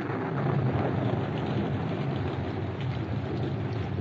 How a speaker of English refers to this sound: As they were about to leave the shop, a storm broke.